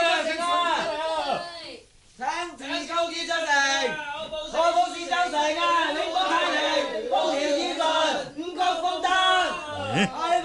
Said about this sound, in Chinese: 启禀大人，城外有兵将大叫请时公子出城，就可保四周城永保太平，风调雨顺，五谷丰登。城内嘅百姓都人心惶惶，听见佢哋嘅叫声，跟住大叫起上嚟，所以就咁嘈啦。